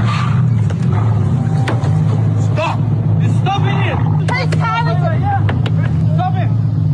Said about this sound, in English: Parkmore Shopping Centre early yesterday shows bystanders trying to stop the car from leaving, but it continues reversing through the car park, despite having a man pushing against the boot and then a woman banging on the driver's side window.